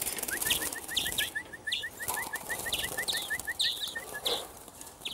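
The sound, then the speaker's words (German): Three greenfinches, two females and a male, calling: a steady, rapid series of short chirps runs through the whole clip, with sharper, higher notes overlapping at irregular intervals over faint background rustle. “Also man sieht jetzt eigentlich schon hier bei den drei Grünlingen, so wie ich das sehe, sind das hier zwei Weibchen.”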